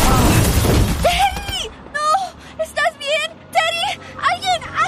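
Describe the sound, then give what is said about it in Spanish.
A young man wearing a helmet is hit by a car: a loud, sudden crash of impact and his helmet shattering bursts out at the start and quickly fades, followed by a series of short, pained vocal cries and whimpers. “¿Este joven fue atropellado por un auto?”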